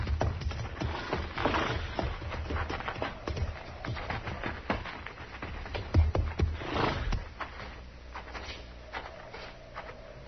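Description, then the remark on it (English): Horses' hooves clop and shuffle irregularly across a wooden floor as they are led into barn stalls and tied up in the first two, with thuds and scrapes at moderate loudness and no talking. “We'll put our horses in the barn here”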